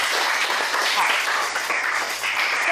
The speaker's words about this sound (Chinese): 好，掌声送给我们这个小组。